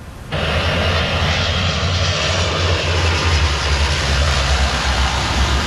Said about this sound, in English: Canadair firefighting planes have been deployed to help tackle a raging wildfire near Paris.